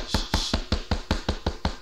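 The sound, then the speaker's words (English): A steady series of about nine quick knocks, evenly spaced, rapping in a brisk, regular rhythm with no voices. “Who is that knocking?”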